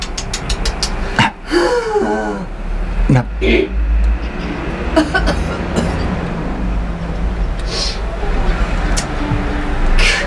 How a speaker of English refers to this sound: The traffic on Riseborough Road.